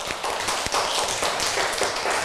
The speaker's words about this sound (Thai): เก่งมากปรบมือให้เพื่อนค่ะgive a big hand to your friend ปรบมือดังๆค่ะ